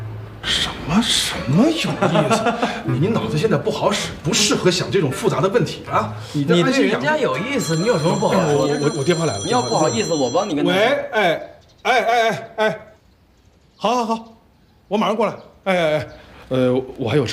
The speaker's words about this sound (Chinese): 我电话来了。